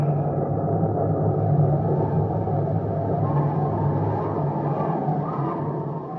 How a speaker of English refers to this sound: Go back through the thunder.